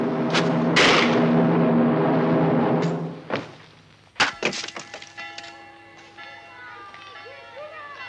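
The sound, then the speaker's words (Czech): A sharp, loud wooden crack as a lid is knocked open. Smaller rattling knocks and a lingering ringing tone follow, after a stretch of droning voices. “Vyražte víko!”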